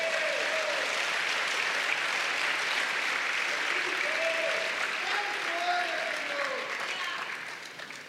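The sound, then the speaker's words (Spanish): A church audience claps for the Lord in a dense, continuous wash of applause, with a few voices calling out faintly above it before the clapping begins to taper off at the end. “Dele palmas al Señor.”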